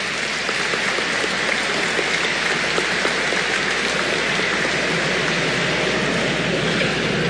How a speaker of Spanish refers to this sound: Fuerte el aplauso para la diocesi di Barahona.